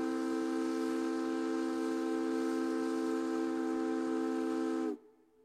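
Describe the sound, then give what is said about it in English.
A loud, steady ferry steam whistle blows one long, continuous blast with a rich chord of tones and a hissy edge, holding for about five seconds before cutting off abruptly into near silence. “Did you know that Puget Sound ferry captains once navigated in the fog using echoes from their steam whistles?”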